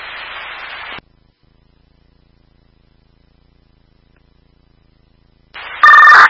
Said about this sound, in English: Alarms are sounding in the upper campus.